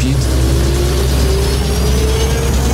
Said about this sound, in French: Sur la piste longue de 4000 mètres, le Concorde accélère pour atteindre 320 km/h.